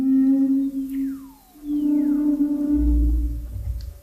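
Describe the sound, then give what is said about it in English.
Humpback whale calls echo underwater in the frigid waters of Antarctica, recorded with special microphones as the whales swim: a steady low moan overlaid with long, sweeping descending whistles, followed by a deep rumbling groan rising near the end. No voices are present. “Using special microphones to capture the haunting calls of humpback whales swimming through the frigid waters of Antarctica.”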